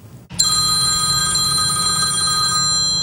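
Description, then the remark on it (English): A telephone rings loudly and continuously, its bright metallic bell tone starting abruptly after a brief moment of quiet and sustaining steadily to the end, with no one talking. “It's the phone calls none of us want.”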